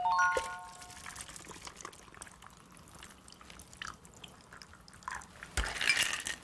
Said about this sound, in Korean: 그리고 위에 뚜껑만 벗기고 잔을 잡고 따라줍니다.